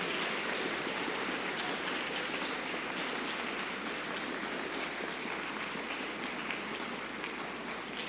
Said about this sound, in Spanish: Muy bien, le damos un fuerte aplauso a los ministros, a los monaguillos.